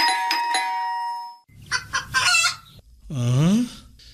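rooster crowing

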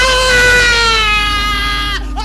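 patient screaming in pain

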